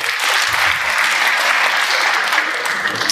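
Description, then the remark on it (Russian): A stand-up comedy audience applauds on request, led by the men who had gone on holiday with a girlfriend. It is a dense, even patter of many hands clapping at a constant loud level throughout, with no voices standing out. “Отдохнувшие аплодисменты, да?”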